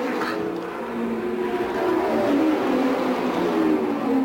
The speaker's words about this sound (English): Now, A.J. Foyt just went up and checked with George Snyder, handed him something to drink, and the car goes back out on the track in what would be about an average pit stop.